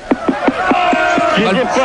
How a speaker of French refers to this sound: Bah ouais, mais là, écoute, le public est en train de gueuler, écoute-les. Ah bah ouais, ils veulent se faire rembourser, là.